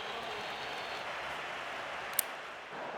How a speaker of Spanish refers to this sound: Algunos pitos y muchos más aplausos en San Mamés para sus tres campeones del mundo con España. Han salido al campo con la Copa del Mundo. Un sector de la grada los ha silbado, la mayoría los ha recibido con esos aplausos.